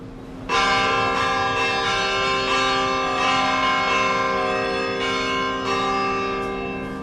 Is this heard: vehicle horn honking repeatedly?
no